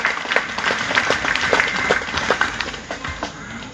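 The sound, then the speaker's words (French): A crowd applauds an 86-year-old woman, many overlapping claps forming a dense, even patter that holds at moderate loudness for a few seconds with no voices over it. “On peut l'applaudir, il reste, elle a 86 ans.”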